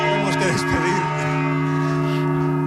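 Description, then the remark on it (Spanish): Large cathedral church bells ring inside the belfry, their deep sustained tones humming steadily and loudly throughout, with a voice briefly speaking beneath the ringing early on. “Escuchando el sonido de las campanas desde el interior del campanario de la Catedral de Alcalá, desde el interior del campanario de la Catedral de Mondoñedo.”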